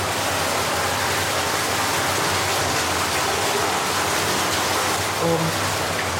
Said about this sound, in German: Genau, jetzt haben wir hier hinter der Tür ist dann das Wasser, was aus Tschechien kommt. Das ist aber jetzt sehr laut.